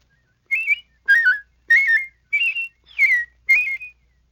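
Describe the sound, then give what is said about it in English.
A person whistles six short warbling phrases at shifting pitches, a la-la whistle mimicking a robin's song, each burst separated by brief pauses in an even rhythm, clear with no talking. “By producing your la-la whistle at different pitches, you can imitate a robin.”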